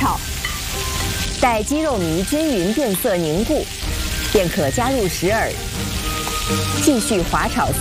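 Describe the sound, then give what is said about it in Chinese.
Steady sizzling of chicken paste mixed with whipped egg whites being slide-fried in a hot wok runs throughout, with a voice talking over the frying for most of the time. “再将鸡肉蓉放在蛋清中，继续快速搅拌，搅拌均匀后，立刻下锅滑炒。”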